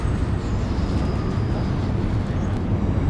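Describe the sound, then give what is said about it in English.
A train passes by London Bridge station, heard from Crossbones Graveyard in Southwark, London: a steady, heavy low roar with a thin high-pitched squeal of wheels faintly threading through it. No one speaks. “The graveyard bisects the Southwark and London Bridge station, and every several minutes I can hear the screech of the trains going past.”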